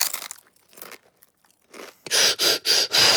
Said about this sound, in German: Dann sind meine Brotchips bestimmt fertig. Ich hole sie schnell aus dem Ofen. Die duften. Ich muss gleich eins kosten.